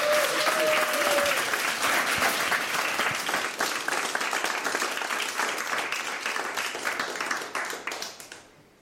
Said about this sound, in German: Und jetzt wünsche ich mir aber nochmal einen richtigen Applaus